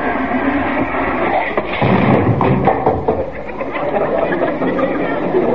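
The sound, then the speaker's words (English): A door slams shut with one heavy thud partway through as a person storms out to her room, over a steady bed of background murmur and a few faint knocks and rattles. “slamming out”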